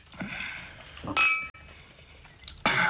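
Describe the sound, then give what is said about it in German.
Two bright wine glass clinks ring out about a second and a half apart in a toast, each a sharp high chime with a brief shimmering tail, against a quiet background. “Willst du noch ein Gläschen Wein?”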